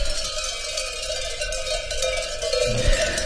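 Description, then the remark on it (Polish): Metallic livestock bells clang continuously, a dense jangle of overlapping ringing tones holding steady, with a low rumbling thud near the end. No one speaks. “Jest jak te lud dzwonków dziś mają, no tu. Tu jest te huk robiony.”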